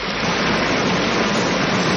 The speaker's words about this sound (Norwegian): Ja, det høres ut som en bekk, rett og slett. Vet du hva? Det er du som har rett. Dette er en bekk.